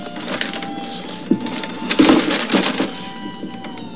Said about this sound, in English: Let me have a Three Musketeers and a ballpoint pen, one of those combs there, a pint of old Harper, a couple of flashlight batteries, and some beef jerky. The clerk puts everything in a paper bag.